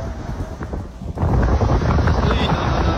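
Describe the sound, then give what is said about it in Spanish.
Strong storm wind passing through Cartago, Valle, where hail has already fallen, roars and buffets the microphone with a dense, low rumble that surges louder after the first second and stays steady. No one speaks. “Ay, Padre amado, esta tempestad que está en... está pasando por Cartago Valle.”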